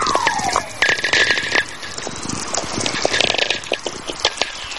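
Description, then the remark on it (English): VLF radio whistlers from lightning, heard on headphones and coming in big streams, one merging into the next: falling whistle tones sweep down through dense, rapid crackling static, with a steady high hum running underneath. No one speaks. “These whistlers are really coming in big streams now.”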